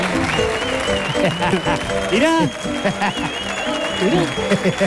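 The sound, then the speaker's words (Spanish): Steady applause from a studio audience welcoming a guest fills the whole stretch, dense and sustained, while a man's voice speaks excitedly over the clapping. “Fuerte el aplauso”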